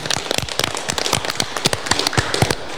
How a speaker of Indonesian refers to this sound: Tepuk tangan untuk pramuka Pangkalan SDN Cermo 01.